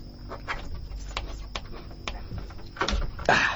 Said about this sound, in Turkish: Evet, şimdi iş kapıyı açmaya geldi. Bu iş nasıl yapılır bilmiyorum ama bir kere deneyeceğim. Yanımda tornavida var. Belki onunla bir şeyler yapabilirim.